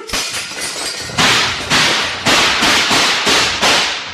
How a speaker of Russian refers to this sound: Денисов коротким ударом разбивает фонарь, толкает Валю за тюки. Вспышки выстрелов прорезали тюремный мрак